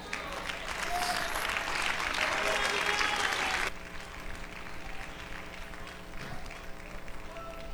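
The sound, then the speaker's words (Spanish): An audience breaks into loud, dense applause for Christ that fills the first half, then cuts off abruptly, leaving a low murmur and a steady hum. “¿cuál es un aplauso a Cristo?”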